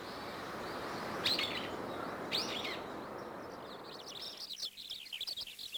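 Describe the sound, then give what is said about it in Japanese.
Akiapolaau calls ring out over a steady forest hiss: two sharp, bright notes a second apart, then a quicker run of high chirps toward the end. “幹には樹液、森の木がこの小さな鳥の暮らしを支えているんですね。”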